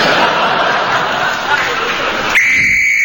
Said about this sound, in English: that's the danger whistle. It means the men in the tunnel are going to start blasting.